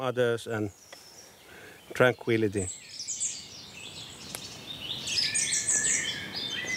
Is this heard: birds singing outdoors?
yes